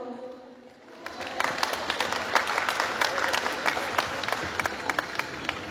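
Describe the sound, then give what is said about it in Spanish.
A crowd breaks into applause after a brief quiet start, many hands clapping in a dense, steady wash with sharper individual claps standing out, sustained and fairly loud throughout, welcoming a speaker for the Cochabamba governorship at an anniversary event. “Recibimos con fuerte aplauso.”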